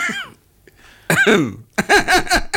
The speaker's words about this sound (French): si vous continuez à tousser, je me tais, parce que je trouve qu'il y a quand même un manque de respect assez. Vous ne direz pas que c'est pas une toux irrespectueuse.